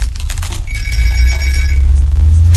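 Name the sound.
telephone ringing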